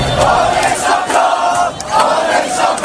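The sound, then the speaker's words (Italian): A large crowd of PSG fans in Paris roars and cheers jubilantly at 9 pm as PSG win the Champions League final against Arsenal after extra time and penalties, a dense, sustained wall of shouting voices with surging swells and brief dips, loud throughout. “Dopo i tempi supplementari e i rigori, alle 21 il grido di gioia.”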